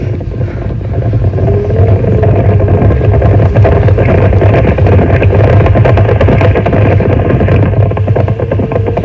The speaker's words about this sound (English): I hear horses. Oh, I hope it's the Snow White Stallion.